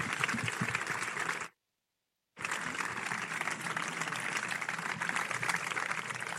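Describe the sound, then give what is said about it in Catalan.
A crowd in Sitges claps steadily in dense, continuous applause for the library team chosen to light the 21 mortars of Sant Bartomeu, broken by a brief near-second of silence before the clapping resumes at the same level, with no one speaking. “Un aplaudiment.”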